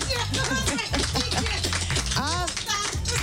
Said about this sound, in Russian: Ну что, а теперь под общие аплодисменты приглашаем даму в студию. Ура! Итак, друзья, дверь открывается. Аплодисменты артистки!